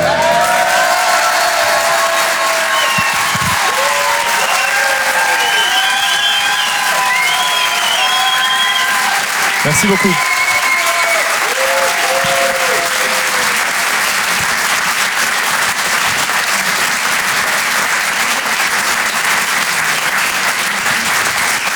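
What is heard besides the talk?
audience applauding and cheering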